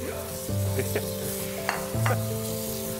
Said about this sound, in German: Endspurt beim Kochkurs in Brackenheim. Die Küchlein brutzeln noch und dann kann angerichtet werden. Ein ganzes Pilzmenü haben wir heute gekocht.